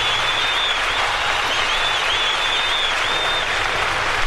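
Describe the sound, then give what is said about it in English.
A large concert crowd applauds steadily, a dense, even wash of clapping that holds at full strength throughout, with faint high whistles cutting in above it. “I think the crowd likes it. Sounds like it anyway.”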